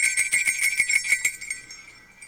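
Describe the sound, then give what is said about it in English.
Small hand bells, not Christmas bells, are shaken in celebration, jingling rapidly and brightly in a steady tinkle of many strikes that slows and fades out over a couple of seconds, with no voices. “I got some bells right here.”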